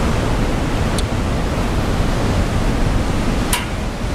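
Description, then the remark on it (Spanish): Steady, loud rushing water of the Caldarés river and its waterfalls fills the whole clip, a dense roar like a torrent, with two brief higher clicks or splashes near the start and end. Recorded on the Panticosa walkways in the Aragonese Pyrenees, Huesca province, Spain. “Un recorrido que se abre paso junto al río Caldarés, entre paredes de roca, bosques húmedos y cascadas que caen con fuerza marcando el ritmo de este paisaje.”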